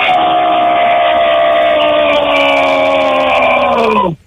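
A single loud, sustained human scream from a contestant in a radio screaming contest, held steady for about four seconds, rich and harmonic, its pitch sagging and dropping off abruptly at the end.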